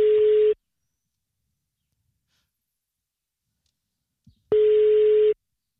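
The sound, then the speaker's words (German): The ringback tone of an outgoing phone call placed live on the radio purrs twice, a steady mid-pitched beep repeating after a long silent gap, clear and fairly loud, with a faint breath just before the second ring. “Und das Telefon klingelt, hoffentlich geht dran.”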